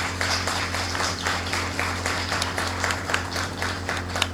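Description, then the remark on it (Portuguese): Sustained applause from a crowd of parishioners of Santa Teresinha parish, given in honour of their parish priest: a dense, steady patter of many hands clapping at once, with a low electrical hum beneath it the whole time. “uma calorosa salva de palmas.”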